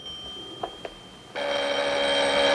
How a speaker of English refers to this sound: He steps into his little hallway as the phone rings in the lounge. He goes to pick it up.